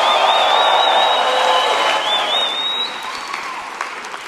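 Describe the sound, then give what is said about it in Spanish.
A crowd erupts in loud, sustained cheering and applause, with a shrill whistle sliding over the roar before the noise eases slightly toward the end. “Si yo fuera tú, yo diera un grito de gloria aquí.”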